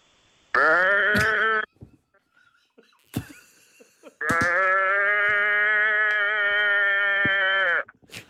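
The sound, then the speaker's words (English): A person in Hobart imitates a sheep's bleat: one short, wavering baa, then after a pause with small clicks and breaths, a much longer, loud, sustained bleat held steadily for several seconds. “It was meant to be a sheep, but he said it's a cow, so I just went with it.”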